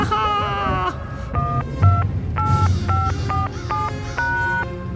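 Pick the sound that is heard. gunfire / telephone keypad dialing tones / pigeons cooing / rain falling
telephone keypad dialing tones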